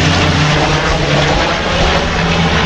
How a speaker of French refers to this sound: C'est pas non plus très loin quoi, vu que la direction du vent vient par ici, voilà le canadair.